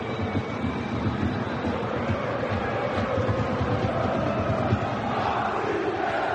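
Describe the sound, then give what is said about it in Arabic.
A dense, steady roar from a large crowd of Paris football fans during a match, with low rumbling and broad noise that never lets up or drops away. “صوت جماهير باريس هو الذي يطغى في هذه الأثناء.”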